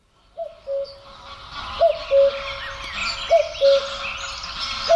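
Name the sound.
cuckoo calling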